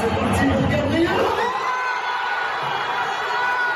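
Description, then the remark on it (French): A huge crowd of over 48,000 PSG supporters at the Parc des Princes in Paris, watching the Champions League football final on a big screen, roars and cheers after a missed Arsenal penalty in a loud, dense wall of sound, with shouts and whoops rising out of it, the low rumble thinning after the first second and a half while the bright roar continues. “Un pénalty mal cadré d'Arsenal et l'explosion du Parc des Princes où plus de 48 000 supporters du PSG s'étaient réunis pour regarder la finale de la Ligue des champions de football sur grand écran.”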